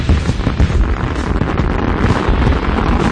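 Fireworks from Pyro City explode in a loud, dense barrage of overlapping booms and crackles, rapid and continuous with no pauses, filling the whole stretch.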